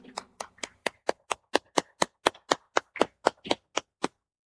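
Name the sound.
loud applause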